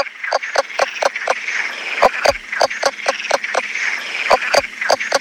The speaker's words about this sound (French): Alors, c'est vrai qu'un crapaud léopard qui chante comme une poule, c'est déjà original. Mais c'est pas fini. C'est un des seuls amphibiens, enfin, en tout cas de France méditerranéenne, qui chante sous l'eau.